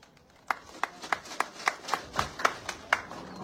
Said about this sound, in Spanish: Fuertes palmas para él.